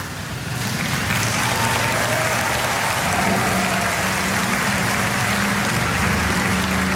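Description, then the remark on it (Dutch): A large audience applauds steadily as Karin and a dancer drive away together in her car on a dance floor. The clapping is a dense, continuous wash that swells in within the first second and stays loud and sustained throughout, with no voices standing out. “Ze rijden samen onder applaus weg.”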